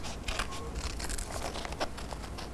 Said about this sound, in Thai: คุณครูแพรเลือกภาพนี้เราก็จะใช้กรรไกรตัดออกมาค่ะ